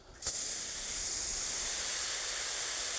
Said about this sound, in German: Das Ganze muss einmal richtig nass sein. Wenn es einmal feucht ist, reicht der natürliche Niederschlag. Aber einmal richtig angießen, obwohl noch kein Baum da ist, muss sein.